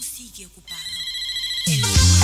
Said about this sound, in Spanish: Este es el teléfono.